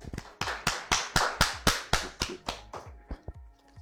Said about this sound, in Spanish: Un aplauso para él.